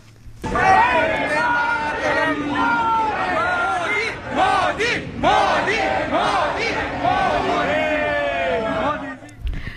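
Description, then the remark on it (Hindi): A large crowd chants the slogans 'Modi Modi' and 'Vande Mataram' in unison, many voices shouting loud, repeated phrases that rise and fall in a steady rhythm for about ten seconds. “इसके बाद पूरा स्थल मोदी मोदी और वंदे मातरम के नारों से गूंज उठा।”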